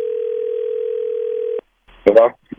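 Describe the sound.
A steady, single-pitched telephone ring tone sounds for about a second and a half as a call is placed to a child's father, then cuts off. A brief pause follows before a voice answers.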